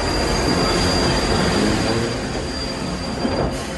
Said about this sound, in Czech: Strojvůdce asi znamení zpozorovala hned, protože skoro v zápětí se ozvala parní píštěla a hned potom zaskřípěly brzdy a strhnutím kol se vlak přehnal kolem nás.